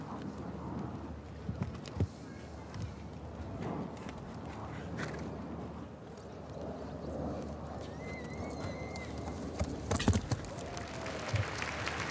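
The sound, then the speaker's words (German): Horse hooves thud irregularly across the ground during a show-jumping round as the horse goes to the first Irish wall and makes a huge leap, with a few sharper impacts standing out over a steady murmur of crowd noise and scattered clapping. “Also, es hat das Pferd hier einen wahnsinnigen Satz gemacht.”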